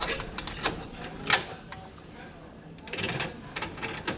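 A labelled cassette is handled and pushed into a tape deck bought 35 years ago: a run of sharp plastic clicks and rattles, one louder clack in the middle, then a quieter pause before more clicking.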